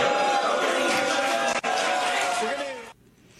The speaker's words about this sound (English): It was a thing last night. She got some cheers. She got some jeers, but she also got some boos.